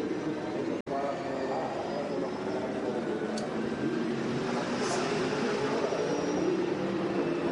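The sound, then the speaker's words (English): A racing car engine runs at reduced revs as the driver appears to nurse the car home, saving fuel by not using full revs: a steady, fairly loud droning hum with no sharp revving, briefly cutting out for a split second near the start. “Is he trying to nurse this car home?”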